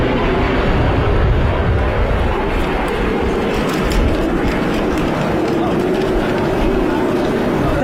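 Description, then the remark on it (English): Loud, steady engine roar of a Phenom and a Texan aircraft from RAF Cranwell and RAF Valley in a flypast overhead in calm, dry weather, a broad rumbling drone that fills the whole stretch, with voices faintly audible beneath it. “A Phenom and a Texan from RAF Cranwell and RAF Valley.”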